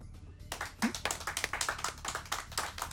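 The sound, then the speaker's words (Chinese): A small group at a company shareholders' meeting breaks into hand clapping to unanimously approve a decision, a dense, uneven patter of sharp claps that starts abruptly after a brief quiet moment and carries on steadily at a moderate loudness. “哎呀，既然大家都同意的话，我们就一致鼓掌通过吧。”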